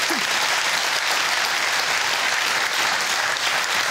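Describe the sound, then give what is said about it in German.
Steady, dense applause from an audience for a winner on a lottery draw show, a loud continuous wash of clapping hands that holds evenly for several seconds with no voices on top. “Jetzt geht's mit einem Applaus für unseren Gewinner rüber zum Jackpot und zu Jule.”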